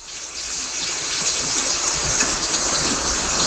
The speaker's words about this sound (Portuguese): Ó a chuva.